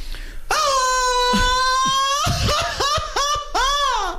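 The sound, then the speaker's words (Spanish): A traditional Mexican grito shouted live on the radio show Jordi en Exa for a listener ticket contest: a loud voice holds a long high yell, then breaks into a run of quick warbling, laugh-like whoops that rise and fall. “Y ahorita les voy a poner un concurso a toda la gente que nos está escuchando porque ustedes van a poder ganar boletos con el grito que estamos haciendo ahorita.”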